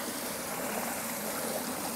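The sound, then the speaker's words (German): A bucket with a frozen ice bomb dessert stuck inside is held under running water to thaw it, giving a steady, even rush and trickle of flowing water that continues unbroken for the whole two seconds, with no talking. “Und da halte ich es jetzt am besten einfach hier ins Wasser.”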